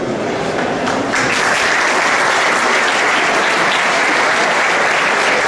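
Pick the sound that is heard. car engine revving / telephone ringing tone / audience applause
audience applause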